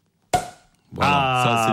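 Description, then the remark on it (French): A champagne cork pops out for a birthday with one sharp, loud burst that fades quickly, followed after a short pause by a sustained, steady voice-like tone that holds to the end. “Et qu'est-ce qu'on fait quand c'est son anniversaire? On débouche le... Champagne.”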